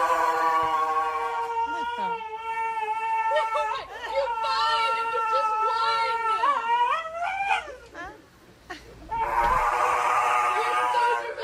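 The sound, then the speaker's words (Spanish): A dog whimpers and whines while getting its nails clipped by a groomer, in long, wavering, high-pitched cries that rise and fall almost continuously, pausing briefly before a rougher, noisier stretch of whining at the end. “¿Dónde estaba el perro agresivo? Escucha.”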